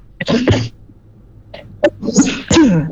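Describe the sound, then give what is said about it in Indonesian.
A series of harsh, explosive coughs, four or five bursts in an uneven rhythm with short pauses between them, fairly loud, with no talking. “Maaf, agak batuk.”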